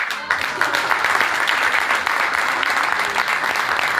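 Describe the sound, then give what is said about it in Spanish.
Steady applause from an audience for an invited guest, dense clapping filling the whole stretch at a constant, fairly loud level after a brief quiet start, with no voices standing out. “Así que un aplauso para nuestro invitado.”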